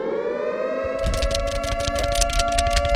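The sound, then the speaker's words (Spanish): A person fans themselves with a piece of paper in a booth with the air conditioning turned off, making quick rhythmic flapping whooshes, roughly four per second, over a steady wailing, siren-like tone. “Pues parece que sí, porque apagaste el clima en la cabina y te estás dando aire. Es un pedazo de papel.”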